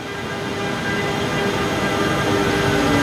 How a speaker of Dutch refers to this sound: Het is iets na vieren op een van de vele treinstations van Milaan. En daar komt de trein aan die ons van Milaan naar Brussel gaat brengen.